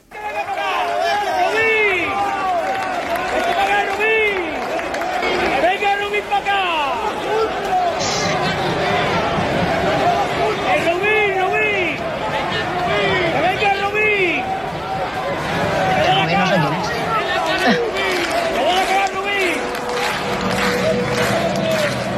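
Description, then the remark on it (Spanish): Around 300 to 400 Almería supporters in a stand at El Molinón stadium chant together in a loud, sustained, rhythmic roar of many voices with rising and falling sung phrases, holding steady for the whole stretch. “esto cantó la afición de Almería, esos 300, 400, que había en el quesito del Molinón, cuando los futbolistas de Almería, por cierto, con Rodrigo Eli, mandando al grupo, todos, casi casi a la grada, y esto sonó ayer en el Molinón.”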